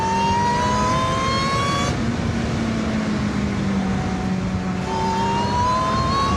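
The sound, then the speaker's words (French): A car engine revs hard and loud as the vehicle launches from a standing start after a countdown and accelerates down a straight, its pitch climbing through quick gear changes over a steady roar, with no voices. “Il n'y en a pas beaucoup qui partent aussi fort au démarrage.”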